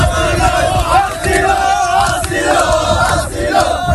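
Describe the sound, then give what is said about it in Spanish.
A large crowd of migrants, about 500 camped on the sand at Playa del Trampolín beach, chants and shouts "asilo, asilo" (asylum) together: a loud, sustained roar of many voices with rhythmic rises in the cries over a dense background of noise. “Al grito de asilo, asilo, han vuelto a acampar con lo que tienen en la arena.”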